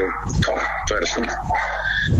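Several dogs bark and yip in quick, overlapping, loud bursts, with some whining mixed in throughout the short stretch.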